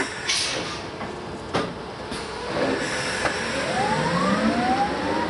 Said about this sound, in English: as he steps on the pedal of the modified truck is the high-pitched whirring sound of the electric drivetrain.